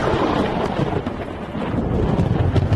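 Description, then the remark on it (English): A deep, continuous rumble of thunder rolls steadily for a few seconds, loud and heavy in the low end, with a rushing, rain-like hiss above it and no voices. “Moses spoke, and God answered him in thunder.”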